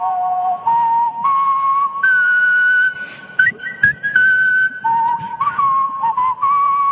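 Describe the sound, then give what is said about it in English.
A person whistles a wavering tune, each held note sliding between pitches over a steady hum, with brief breaks between phrases and no talking. “That is not particularly good whistling for my money.”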